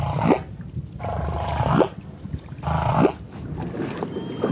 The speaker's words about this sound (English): We got a singer! Male humpback whales sometimes sing for hours on end.